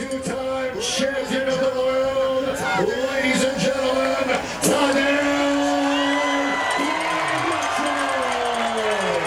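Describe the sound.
A large crowd at the forum cheers and whoops in a sustained, loud ovation for the Slovenian cyclist Tadej Pogacar during a team presentation, with shouts and bellowing voices rising over a dense roar of applause and chatter.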